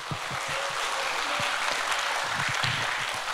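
A crowd applauds steadily throughout, welcoming pansori performers back at a festival; dense clapping fills the space at a fairly loud, even level with no pause, a sustained wash of many hands.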